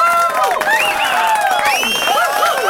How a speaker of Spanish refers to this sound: Ahí tenemos ese tímido aplauso